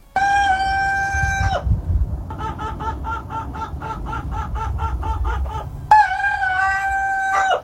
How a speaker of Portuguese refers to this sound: Então aqui o galo. O galo primo do Madruguinha está mandando notícias.